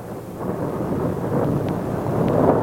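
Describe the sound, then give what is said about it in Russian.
Deep, continuous thunder rumbles steadily throughout, a heavy low roar that swells slightly toward the end, with faint crackles on top and no voices. “Сквозь гром и звук трубы прозвучал голос Божий.”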